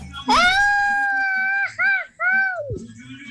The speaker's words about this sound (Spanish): Ya, señores, como opción número uno, ahí está el grito que nos mandan por acá, que es el siguiente.